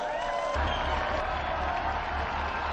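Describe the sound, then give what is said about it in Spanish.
An audience applauds the first martyrs of the Church in Rome in sustained, dense clapping that stays steady and loud throughout, with a faint low rumble of crowd noise underneath and no one speaking. “Unidos pues a esta iglesia y a todos los que viven la aventura de la amistad por Cristo, brindemos nuestro vivo aplauso a los primeros mártires de la iglesia en Roma.”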